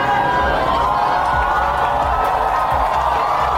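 A large crowd of fans cheers loudly and steadily in the arrivals hall of Warsaw airport, welcoming volleyball players returning home after the final: a dense roar of many voices with shouts and whoops rising over it, continuing without a break.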